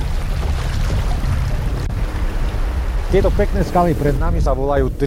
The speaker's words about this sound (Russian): Постепенно течение усиливается, появляются первые пороги, правда невысокие, а потому не страшные.